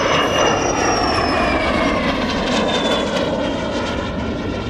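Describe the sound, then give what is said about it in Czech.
A steady, loud airplane engine drones at a meet of Czechoslovak-built aircraft in extreme heat, its tone holding constant with a faint high whine drifting across, heard alone without any voices. “Nakonec přiletělo 87 letadel, ale plus počítáme ty, které jsou i místní a československý, takže padl rekord 101 letadel československé výroby na jednom místě.”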